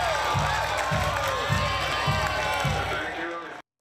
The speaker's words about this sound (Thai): และนี่คือเสียงของความดีใจค่ะคุณผู้ชมเต็มไปด้วยเสียงเฮและเสียงตบมือแล้วก็รอยยิ้มนะคะของคนที่รอฟังการประกาศผลอยู่ภายในวัดพระมหาธาตุ